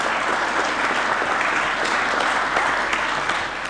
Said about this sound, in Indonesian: Nah ini boleh tepuk tangan dong, tepuk tangan.